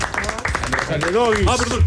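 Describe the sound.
Steady audience applause, a dense patter of many hands clapping, continues for the whole stretch while a voice speaks loudly over it, welcoming a guest, the marketing head of the Chilean food brand Doggy.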